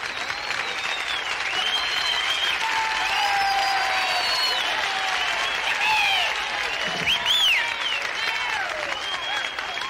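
A large audience at a live show applauds steadily for the full ten seconds, a dense wash of clapping with scattered whistles and cheering voices riding on top.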